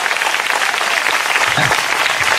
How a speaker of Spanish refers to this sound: De Dios, fuerte aplauso al Señor en esta hora.